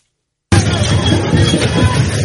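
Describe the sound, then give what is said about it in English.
A loud, dense crowd din from student protesters clashing with police in the French capital bursts in after a brief silence, a steady roar of many overlapping voices and noise with no single words standing out. “Student protesters clashed with police in the French capital, as recorded by the Associated Press.”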